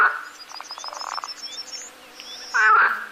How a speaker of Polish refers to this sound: Żaby mocno ragotają. Nie, te spiwają. Nie, te se z nikusom rozganiają.